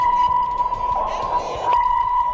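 A sonar ping rings out as a steady, clear high-pitched tone held for the whole stretch, fairly loud over a low, murky rumble and some faint noise.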